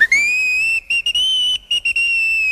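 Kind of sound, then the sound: vehicle, steam locomotive whistle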